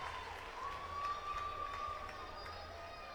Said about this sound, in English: That gets a nice applause. Crowd getting an opportunity to see Waite, who came over from Clark College.